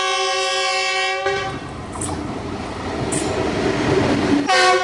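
A train on the Abuja–Kaduna railway, at the new railway station linked to the Rigasa market in Kaduna, Nigeria, sounds a long, steady multi-tone horn blast. The loud rumbling rattle of passing rail cars follows, and the horn blares again at the end.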